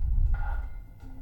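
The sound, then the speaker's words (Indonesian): A short electronic phone ring at radio station 90.8 FM (Pro 2) as a listener calls in, a brief two-tone chirp followed by a lower note, sounding over a steady low rumble with no one speaking. “Dan Bang Ade ini jarang banget nih ada telepon. Kita angkat dulu kali ya Bang ya.”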